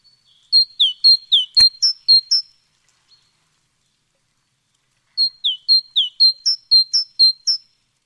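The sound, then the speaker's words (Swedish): A great tit sings two bright bursts of rapidly repeated, see-sawing high notes, separated by a short pause. The song is clear, with no voices and one brief click. “Ja, men det här är ju talgoxen.”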